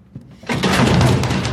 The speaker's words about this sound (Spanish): Abre las puertas interiores para encontrar una verja metálica bloqueando las puertas principales. Sacude la puerta, lleva el mismo escudo de la biblioteca.